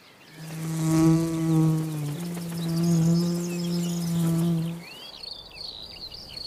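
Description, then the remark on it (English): A bee buzzes loudly in a steady drone lasting several seconds, dipping slightly in pitch midway, then fades out, leaving faint outdoor chirping in the background. “These red poppies also carry the sign of a bee invasion.”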